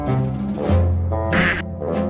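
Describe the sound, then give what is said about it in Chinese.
A flock of ducks quacks in overlapping, raspy calls that run continuously, with a few brighter, harsher honks standing out, in the early morning as a worker herds the free-range ducks up a forested mountain for exercise. No one speaks. “清晨的宁静被鸭子们的声音打破，一群鸭子正在被工作人员引着上山，他这是要带着鸭子去哪儿呢？”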